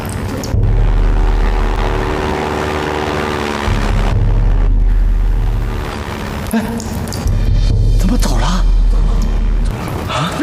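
A loud, steady propeller aircraft engine drones, its low rumble swelling and holding as the plane approaches, with brief shifts in the noise but no clear speech.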